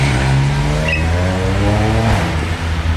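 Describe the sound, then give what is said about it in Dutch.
A motorcycle engine revs loudly, its droning pitch climbing steadily as the rider gives more gas and accelerates away down a street with café terraces, with no voices over it. “Maar zodra ze mijn microfoon zien, dan geven ze nog meer gas en rijden ze weg.”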